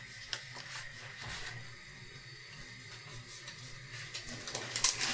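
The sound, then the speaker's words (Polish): A pot of water starting to boil, a steady low hiss with scattered soft bubbling pops and crackles growing slightly busier toward the end, with no voices. “Dobrze, woda zaczyna się gotować, więc jajko z założoną termokurczką kładziemy na łyżce.”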